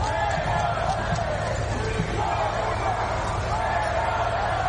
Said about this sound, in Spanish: Gritos, abucheos, insultos contra el líder del Ejecutivo a su llegada al desfile de las Fuerzas Armadas